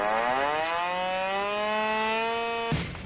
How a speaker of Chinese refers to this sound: 天刚蒙蒙亮，一阵急促的警报声骤然划破营区的沉寂。陆军第83集团军某旅一场全要素战备拉动临机展开。